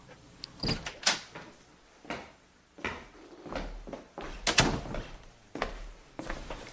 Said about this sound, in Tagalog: Pasok po kayo. Hindi po nakalock yung pintuan.